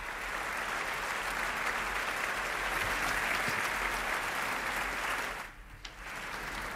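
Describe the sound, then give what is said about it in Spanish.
Steady, dense applause from a large concert audience as conductor Lina González Granados and the narrator enter the hall, a continuous crackle of many hands clapping at once that briefly thins out near the end before swelling again. “Y ya estos aplausos nos indican la entrada en la sala de Lina González Granados, la directora”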